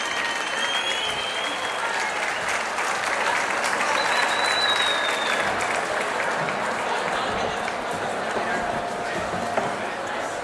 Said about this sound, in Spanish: Caboclo, ven al escenario, por fin. Un fuerte aplauso para Caboclo, que va a cantar con nosotras.